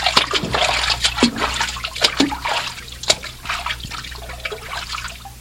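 Water sloshes and splashes in uneven bursts as someone wades through a cold river, with bright splatters and trickling between steps, moderately loud, with no voices.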